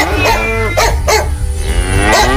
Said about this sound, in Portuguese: E a vaca mugiu. Amanheceu.